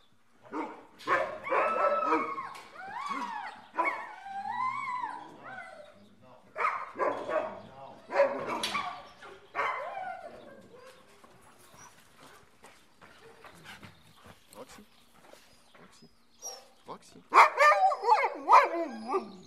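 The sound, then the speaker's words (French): Several dogs, among them the two dogs Roxy and Rebelle being fetched for the morning outing, bark and yip excitedly, with overlapping bursts and whiny yelps coming in clusters, pausing briefly midway before a loud, high-pitched flurry of barking at the end. “Et donc, moi je vais aller chercher les deux chiens qu'on va prendre ce matin.”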